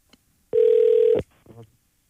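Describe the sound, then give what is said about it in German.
A single loud, steady telephone ring tone sounds for under a second, cut off abruptly, followed by a brief faint murmur as the line seems to connect; a call placed live on a radio show to a contest winner. “Und jetzt muss er eben nur noch ans Telefon gehen.”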